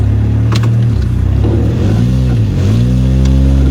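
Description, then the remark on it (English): A car engine drones loudly and steadily, its pitch rising and dipping as it revs while the driver makes a many-point turn with about half an inch to maneuver in a crowded parking lot, a few faint knocks as it bumps parked cars; no one speaks. “Oh, there was just another hit, I think.”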